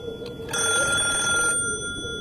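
A telephone bell rings in a building of a residential compound at night, loud and steady, its bright metallic trill starting abruptly and sustaining for about a second before fading into a lingering hum. No voices are present.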